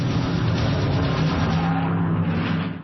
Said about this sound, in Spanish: Se hace pausa, pero los motores ya rugen, porque Italia ya nos espera.